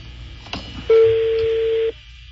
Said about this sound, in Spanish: Sonando el teléfono de esta rata falsificadora. Vamos a ver. Bájale un poquito el teléfono, un puntito.